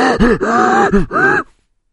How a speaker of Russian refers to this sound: То есть ровно то же самое, что вы слышите, когда, например, ну, слышно, как дышит летчик в момент тяжелейших перегрузок в воздухе.